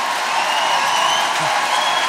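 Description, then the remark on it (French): Sustained applause from a large concert audience at the Zénith de Lille, a dense, steady wash of clapping at constant loudness filling the whole clip with no voices standing out. “Bravo les garçons, venez nous rejoindre tout en vous faisant applaudir, évidemment.”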